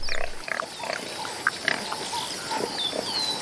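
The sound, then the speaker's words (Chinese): A male warthog grunts in a series of rough, low snorting bursts at a steady moderate level, with a few thin high chirps faintly in the background. “这头雄性油猪下獠牙比狮子的犬齿长得多，还锋利得多，连斑鬣狗见了都要绕着走。”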